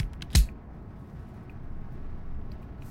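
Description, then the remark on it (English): A single sharp click as a big, unlabeled yellow shuffle button is pressed, followed by a few seconds of low, steady background noise with no talking. “We've got this big yellow button that we were always scared to press.”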